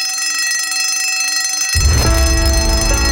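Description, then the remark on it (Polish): A loud, continuous bell rings steadily throughout, bright, and about halfway through a heavy, booming low rumble joins in beneath it. No one speaks. “Dzwonek już dzwoni, a w studiu czeka Leszek Gnoiński”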